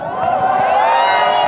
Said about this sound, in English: As Spanish players prepared to get their medals, a huge part of the crowd peeled off, heading for the center of Barcelona, thumping their chests and setting off fireworks.